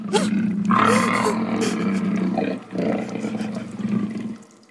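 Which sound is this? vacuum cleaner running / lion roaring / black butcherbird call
lion roaring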